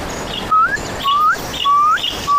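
A bird calls in quick succession at night, four short rising whistled notes repeating at a steady, hurried pace, clear over a soft hissing background.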